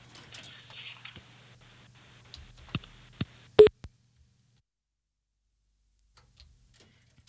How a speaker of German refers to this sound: So, der Kassettenrekorder klackert und vielleicht hören wir schon gleich Musik. Vielleicht auch nicht. Es klackert.